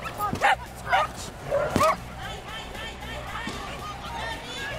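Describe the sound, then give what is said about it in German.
Several sharp dog barks and yips ring out in quick succession in the first two seconds at an international dog sport competition where dogs run one after another for points, then fade into a busy background of crowd murmur and cheering audience voices at the outdoor event. “Und schließlich rennt ein Hund nach dem anderen um Punkte.”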